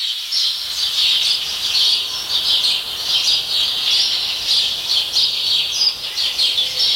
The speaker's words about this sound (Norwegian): Hører du om det mange eller få forskjellige fuglearter I denne skogen her? Nei, det kunne vært bare at det var en som tok all oppmerksomhet. Ja. Men det kan være mange, mange av den ene da. Ok, men du følte at det var færre arter?